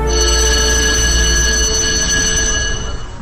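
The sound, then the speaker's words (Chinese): A loud electric bell rings in a theatre, signalling that a performance is about to begin, continuously for about three seconds, a steady, bright, metallic buzzing tone that wavers slightly before fading at the end, with no voices present. “剧场里响起了演出即将开始的铃声”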